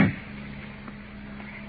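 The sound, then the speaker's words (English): A car door latch clunks open once as the man inside the locked car unlatches the door on one side, a short mechanical knock right at the start, followed by a steady low hum with no voices. “He's opened the latch on this side.”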